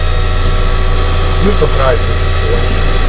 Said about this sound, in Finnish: Kahvinkeittimestä, mikä tää on? Pavut on loppu.